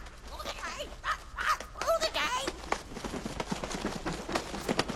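A parrot named Winifred squawks and warbles in quick, shrill bursts, then gives way to softer scattered chirps and rustling for the rest of the moment.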